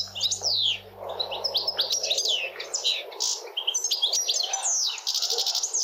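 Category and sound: bird, european goldfinch song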